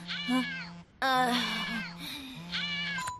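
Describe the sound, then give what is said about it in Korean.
A cat meows three times in a row, the middle cry long and drawn out, the others shorter. The high, whiny meows are fairly loud, with no talking over them. “저렇게 막강한 귀요미 고양이를 어떻게 이기냐고.”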